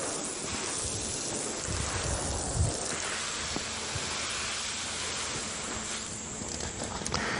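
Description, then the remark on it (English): A watering can sprinkles water onto soil to water seeds in a steady, even, gentle spray, a continuous soft hiss with light patter for several seconds, with no talking. “of water into many fine droplets and it doesn't wash the soil readily, and it makes a very nice, even, gentle spray to water the seeds.”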